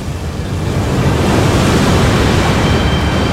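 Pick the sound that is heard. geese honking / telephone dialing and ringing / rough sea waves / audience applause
rough sea waves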